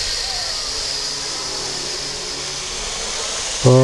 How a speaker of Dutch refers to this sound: Zing even mee tot enkel gesis te horen is.